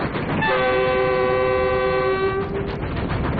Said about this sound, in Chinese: 妈，火车为啥能跑这么快？ 这是蒸汽机车，是靠蒸汽带动的，蒸汽把那个活塞啊推来推去，轮子就转了。